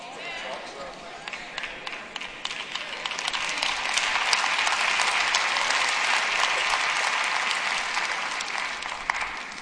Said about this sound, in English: I don't know why the claps get lower and lower every time y'all do it.